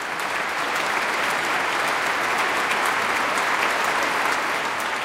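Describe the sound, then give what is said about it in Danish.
A large concert audience in Minneapolis claps loudly and steadily after a performance of Saint-Saëns' piano concerto, a dense wash of applause, with occasional enthusiastic shouts of bravo rising from the crowd. “Flot udgave af Saint-Saëns klaverkoncert, og der er også spontane bravo-råb, kan jeg høre, fra publikum i Minneapolis.”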